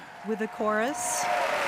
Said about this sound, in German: Und auf der Bühne der Metropolitan Opera nimmt gerade der Chor den Beifall entgegen.